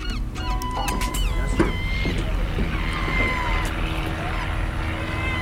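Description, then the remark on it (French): A steady low engine drone, like small propeller planes from a small local flying club passing overhead, fills the background while gulls or geese call and squawk repeatedly over it. “Alors, il y a quelques avions qui nous survolent, normal.”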